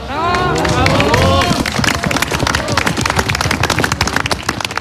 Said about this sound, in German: Applaus für die Hirtenkinder auf der winterlichen Bühne. Ein Hirtenspiel in einer Kulisse, die das Märchenbuch nicht besser präsentieren könnte. Der Salzburger Bergadvent im Großaartal hat uns heute in die Alpen gerufen.